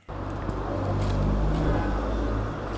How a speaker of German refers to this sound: Es ist einiges los auf der Frankfurter Straße. Autos rauschen an Supermärkten, Handyläden und Imbissbuden vorbei.